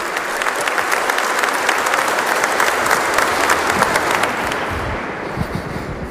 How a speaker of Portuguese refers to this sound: e acolher com grande carinho nosso arcebispo, Dom José Antônio Peruso, salva de palmas, calorosa salva de palmas.